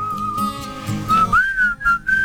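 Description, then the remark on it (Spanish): A person whistles a slow acoustic song melody into a microphone, clear sustained notes gliding and stepping between pitches, with a few short breaks between phrases and no talking. “Qué difícil silbar a un micrófono, ¿no?”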